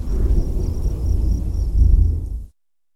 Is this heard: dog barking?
no